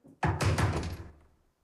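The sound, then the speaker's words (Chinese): Three quick, heavy knocks on a door, loud, blurring together with a dull resonant thud before fading out. No one speaks. Someone is knocking to get a person inside to open the door. “我知道你在里面，出大事了，快开门！你不开啊，我就一直。”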